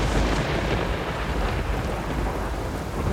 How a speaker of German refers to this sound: Nun war er wirklich da, der Sturm. Und es schien, als würde er das ganze Schloss mit sich reißen.